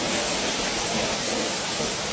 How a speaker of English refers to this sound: This storm even sounds dangerous.